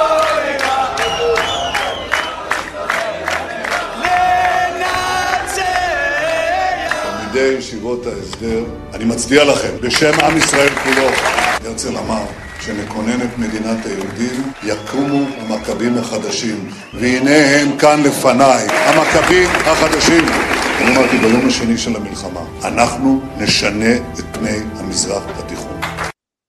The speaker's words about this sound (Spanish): ¿Y sabés qué le gritan? Hay que borrar, arrasar con Palestina. Borrar Palestina, una cosa así. Arrasar con Palestina. Y todos aplauden felices.